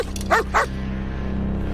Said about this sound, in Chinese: 咱要不翻墙走吧，这狗再这么叫下去，非得给人引过来。